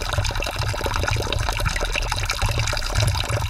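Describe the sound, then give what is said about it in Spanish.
Water runs steadily from a spring fountain a few metres away, in Slovakia, a continuous trickling splash with a low rumbling undertone, fairly loud and unbroken, with no voices. “Ahora mismo me he dado cuenta de que no tenemos suficiente agua, pero no pasa nada, ya que aquí cerquita, solamente unos metros, se halla una fuente con el agua preciosa.”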